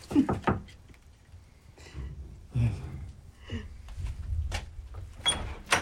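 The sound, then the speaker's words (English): A few sharp knocks on a door in Springdale, at an appointment with an American composer, ring out at the start, followed by muffled shuffling, low thuds and faint breathy sounds as the door seems to open, with more clatter near the end. “At Springdale, there was an appointment with the American composer Philip Bimstein. Knock. Knock.”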